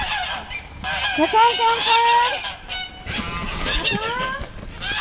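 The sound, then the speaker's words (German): A flock of about 50 geese on the Wintringer Hof farm honks continuously and loudly, overlapping calls rising and falling in a busy, noisy chorus with no pauses. “Wir sind bei den Gänsen. Seit einiger Zeit leben rund 50 Gänse auch auf dem Wintringer Hof”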